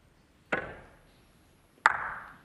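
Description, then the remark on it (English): A snooker break-off shot by John Higgins: two crisp, hard clicks about a second apart, each ringing briefly before fading, set against hushed quiet with no talking. “You just see John Higgins' break-off shot there.”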